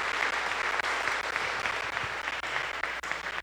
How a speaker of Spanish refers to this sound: Los invito para que nos demos un fuerte aplauso en este mediodía de la confirmación de estos nuestros jóvenes.